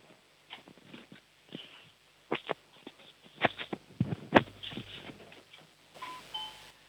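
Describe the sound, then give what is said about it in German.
Scattered clicks and handling knocks, then at the end a faint two-note home doorbell chime in Upper Austria, heard over a phone, a brief ding-dong stepping down in pitch. No one speaks. “Die war leise, aber es war eine Türklingel zu hören.”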